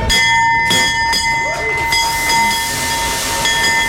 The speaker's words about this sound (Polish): Po 10 latach na giełdzie papierów wartościowych pojawił się nowy dzwon otwierający sesję notowania. 3, 2, 1.